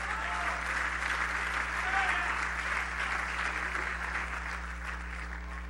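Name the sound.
audience applauding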